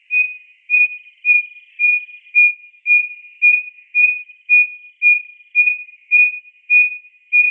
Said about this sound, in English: Instead of these beautiful, complex, warbly songs that most wren have, it also has a hoot song, we called it, and it starts off like a little owl, and it just gets louder and louder and louder.